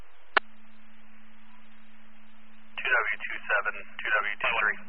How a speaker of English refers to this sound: Acknowledging tones and route to the Delhi station. You can stand by for retones at the pen.